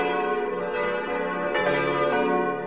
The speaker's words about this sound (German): Weitere Glockengeläute finden Sie auf seinem YouTube-Kanal